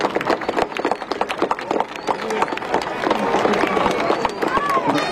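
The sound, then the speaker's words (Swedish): A wooden galeas sailing ship is launched down a slipway, sliding quite fast with a continuous crackling, scraping rumble and sharp woody snaps, while a crowd murmurs and voices talk. “Nu glider hon ner elegant som det var sagt. Och det går ganska snabbt.”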